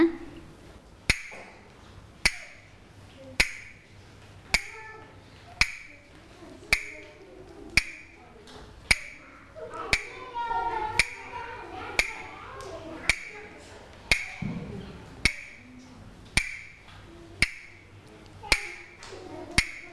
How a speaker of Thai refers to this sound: เดี๋ยวเด็กๆฟังจังหวะที่ผู้หญิงเคาะนะคะแล้วให้เด็กๆสังเกตว่าผู้หญิงชูภาพอะไรนะคะพร้อมใช่ไหมคะเด็กๆฟังจังหวะที่ผู้หญิงเคาะด้วยนะ